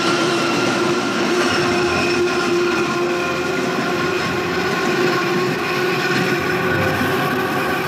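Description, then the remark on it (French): A Paris elevated metro train roars over the Bir Hakeim bridge at 70 km/h with Jean-Paul Belmondo on its roof, a steady loud rumble and rattle of wheels with a high whining tone layered over it, unbroken throughout and with no voices. “Belmondo monte sur le toit d'une rame du métro aérien parisien, lancée sur le pont de Bir Hakeim à 70 km/h.”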